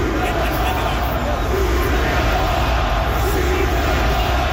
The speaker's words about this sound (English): That is 20,000 people chanting, "Shoot the puck."